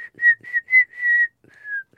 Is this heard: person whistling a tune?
yes